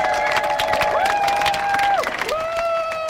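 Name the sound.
crowd applauding and cheering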